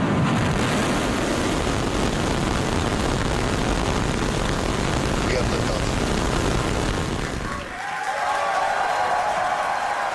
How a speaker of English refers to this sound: Starship, the largest and most powerful rocket in history, launched from Texas. SpaceX employees cheered as the rocket blasted off from its new launch pad in Texas last night.